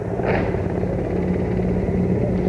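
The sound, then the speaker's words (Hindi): A loud, steady low rumble of Indian Air Force Mi-17 helicopters passing overhead above the ramparts of the Red Fort while showering flower petals, with a throbbing engine drone that fills the whole stretch and no voices over it. “और इस समय आकाश में जो स्वर हमें सुनाई दे रहे, ध्वनि सुनाई दे रही है, वो उन हेलीकॉप्टर्स की है जो पुष्प वर्षा करते हुए लाल किले के प्राचीर के ऊपर से गुजर रहे हैं और लोगों की निगाह उसी आसमान की तरफ है।”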